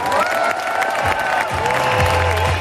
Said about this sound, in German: Und dafür gab es an diesem heißen Nachmittag in Bad Homburg den größten Applaus.